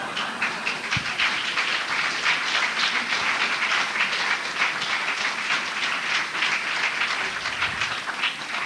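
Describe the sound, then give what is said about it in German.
Sustained applause from an audience at the Karikatura exhibition: a dense, steady wash of many hands clapping at an even loudness for the full length, with no voices heard over it. “Und deswegen bitte ich ganz entgegen meiner ansonsten durch gemessene Bescheidenheit geprägte Gepflogenheit um einen herzlichen Applaus dafür, dass ich heute überhaupt hier bin.”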